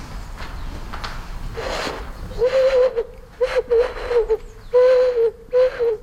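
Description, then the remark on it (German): Breathy, owl-like hoots blown on a snail shell, about five steady tones in an uneven rhythm, fairly loud, each with an airy rush of breath around it. “Könnte man fast meinen, man macht eine Eule nach.”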